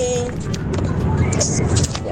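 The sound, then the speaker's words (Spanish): Steady low road and engine rumble fills the inside of a moving car on the way to Paputo, with voices talking over the constant drone. “Y saludo a todos los que vamos aquí en el auto.”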